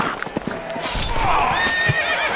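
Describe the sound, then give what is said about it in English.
A horse whinnies loudly with a wavering, high-pitched neigh while hooves clop in an uneven rhythm, at a Renaissance festival where a rider has been knocked off his horse, with faint background noise and no talking. “Sir Galliard hath been knocked off his horse”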